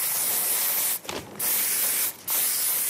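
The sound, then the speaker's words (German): An aerosol spray can of paint hisses loudly in long, steady bursts, pausing briefly twice before the spraying resumes. No one speaks. “Er bemalt Wände und andere Flächen mit der Sprühdose.”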